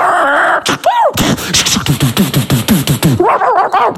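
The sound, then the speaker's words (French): A dog yips and barks in a quick, excited burst of about a dozen high, sharp cries, fairly loud, followed by a few whiny yelps. “Il aime pas les chiens.”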